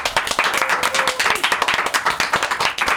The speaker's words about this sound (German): Cool. Nochmal einen Applaus!